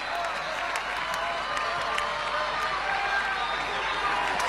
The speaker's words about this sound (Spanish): ¡Aplausos! ¡Bien en alto!